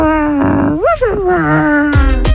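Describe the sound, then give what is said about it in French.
A person imitates a dog's growl, a sustained throaty rumble that swoops up and down in pitch, ending in a couple of short, sharp grunts. “Qui a tourné en chien, en chiot.”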